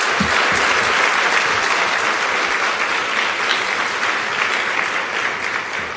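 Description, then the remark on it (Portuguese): A large group of children in Mozambique claps loudly and steadily for several seconds, a dense, continuous wash of applause with no pauses, applauding for all the children who are not present. “Podem dar uma salva de palmas para todas as crianças que não estão aqui?”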